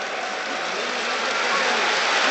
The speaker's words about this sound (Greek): Χειροκροτεί ο κόσμος του Παναθηναϊκού.